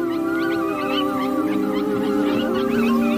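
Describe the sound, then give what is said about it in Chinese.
Arctic wolves howl in a sustained, steady chorus, with higher yips and wavering calls layered over the long tones. It is loud, with no talking. A lone Arctic wolf howls skyward amid thawing, crusted snow, and a reply comes from somewhere far off. “那是狼标志性的、富有穿透力的呼唤。”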